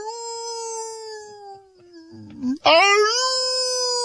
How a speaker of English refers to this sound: And every now and then you'll hear all the coyotes howling they got something. Then you hear some screaming. And then you hear like forks on plates. They're eating.